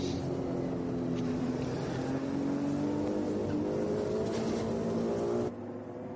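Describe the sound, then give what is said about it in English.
The engine of a Ferrari 296 Evo GT3 race car racing on track drones loud and steady, its harmonic tone rising slowly as it accelerates, then cutting off abruptly near the end. Nobody speaks. “Different noise to enjoy from the Ferrari 296 Evo.”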